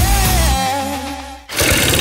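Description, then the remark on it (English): A small petrol engine like a lawnmower's drones steadily with a buzzing hum, briefly dips, then surges back louder and rougher. No one speaks. “Sounds like a lawnmower, doesn't it?”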